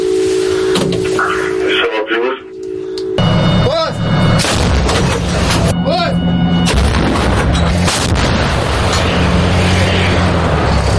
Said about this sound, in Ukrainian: На перезарядку потрібно до півхвилини. Також необхідно дочекатися, поки перший снаряд впаде, аби аеророзвідка скоригувала наступний постріл, і можна знову насипати.